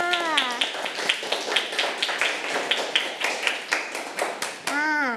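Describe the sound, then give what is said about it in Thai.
A small group of children in a class claps for a classmate in a quick, uneven patter of many hands, with a voice speaking briefly at the start and end. “เก่งมากค่ะปรบมือให้เพื่อนค่ะ”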